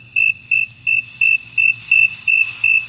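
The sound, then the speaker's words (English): A crickets chirping sound effect in a steady, even rhythm, about eight bright pulses over a few seconds, clear, with a faint low hum underneath and no talking. “You're going to insert the crickets here.”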